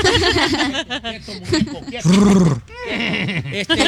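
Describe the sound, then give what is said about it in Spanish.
A horse whinnies in a loud, wavering neigh that rises and falls over a few seconds, with people talking and laughing around it. “Bueno, y mucha gente está, por ejemplo, aquí, mira, a tu papá que le gustan los caballos, aquí tenemos un caballo.”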